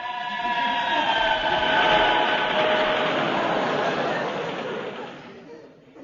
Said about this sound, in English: He's late again tonight. That was a train. Yes, it's a busy time just now, you know.